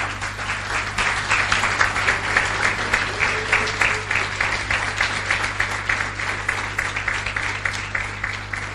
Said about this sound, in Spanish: ¿Quiere ponerse de pie? ¿Quiere darle un aplauso al Señor?